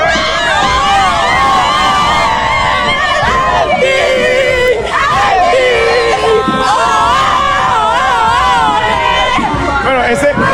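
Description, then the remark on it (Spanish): A group of girls, the 'club de las colochas', shouting and cheering together after a championship win, their high-pitched voices overlapping in a loud, continuous stream of excited yells that rise and fall without letup. “Escuchemos un grupo de muchachas gritando.”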